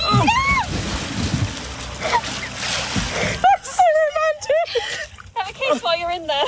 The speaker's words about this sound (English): Yes, that special moment went horrifically wrong when the canoe tipped, sending both bride and groom flying into the river. Don't lean! Don't lean!